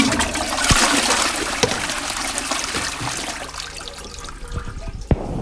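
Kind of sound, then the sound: household object, toilet being flushed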